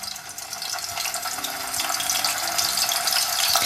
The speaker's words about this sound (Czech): Tohle není déšť. Na pánvi prská rozpálený olej a právě podobný zvuk se opravdu používá jako náhrada deště.